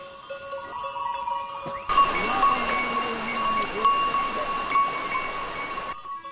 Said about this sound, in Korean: 염소는 경계심이 강하고 호기심이 많습니다. 앞으로 나서는 성향이라 목자는 뒤에서 통제합니다.